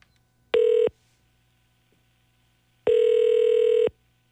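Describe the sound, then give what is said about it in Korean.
A phone line rings out on an outgoing call to a contestant competing for five gifts: two steady electronic ringback tones, a short beep followed by a longer one-second tone, clear with quiet gaps between. “5개 가져갈 주인공 누군가요? 전화 갑니다.”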